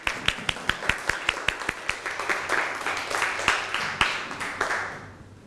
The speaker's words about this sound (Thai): ปรบมือให้กับตัวแทนกลุ่มแรกด้วยครับ